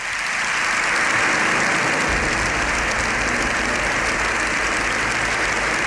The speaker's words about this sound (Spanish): El aplauso de los diputados y senadores se ha extendido unos 7 minutos. Es el más largo que se recuerda en sede parlamentaria.